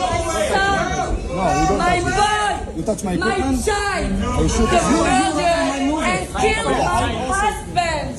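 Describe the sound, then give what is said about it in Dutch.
A large crowd in a hall in Delft, Netherlands, shouts and jeers all at once, many overlapping voices forming a loud, steady uproar that carries on unbroken throughout, with no single speaker standing out. “Het publiek begint in de zaal te roepen en te joelen.”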